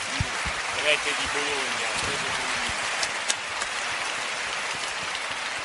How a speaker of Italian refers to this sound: E gli farei un applauso per essere qua con noi.